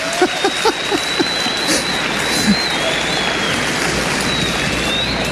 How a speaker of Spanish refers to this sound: Amén. Un aplauso. Un aplauso.